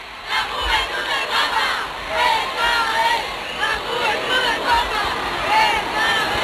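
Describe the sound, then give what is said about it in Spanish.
A large crowd of faithful filling the streets of central Barcelona roars and chants continuously for Pope Leo XIV, heard live, voices rising and falling in dense waves with occasional shouts cutting through, loud and sustained throughout. “A esta hora, las calles del centro de Barcelona rebosan de fieles que dan su calor al Papa León XIV. Este es el sonido en directo.”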